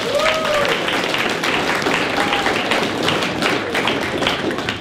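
A crowd applauds steadily for several seconds, dense overlapping claps at a fairly close, even loudness, with a few faint whistles cutting through the clapping.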